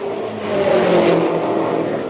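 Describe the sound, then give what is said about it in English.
A race car engine roars steadily, its tone building and swelling loudest near the middle before easing off slightly. It's a continuous, buzzing mechanical drone with no voices over it. “At the present time, we're attempting to find a change now since Mark Cross went into the lead in car number 99.”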